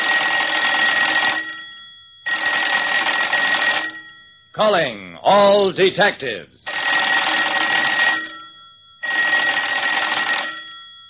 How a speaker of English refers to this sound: We wrap up this episode with the latest case from Private Eye Jerry Browning. Jerry, your phone's ringing.